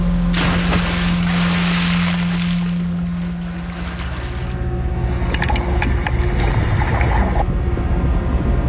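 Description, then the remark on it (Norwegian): A diver wearing a red-hooded suit, an oxygen tank and an air mask wades out into water, with steady sloshing and splashing over a low, continuous motor hum; the splashes grow choppier and more broken toward the end. “Så går han ut i vannet.”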